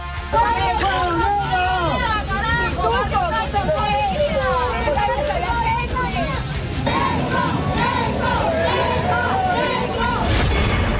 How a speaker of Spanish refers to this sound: Los dos votaron en el distrito de San Borja, aunque la llegada de Roberto Sánchez estuvo marcada por los abucheos y las pifias.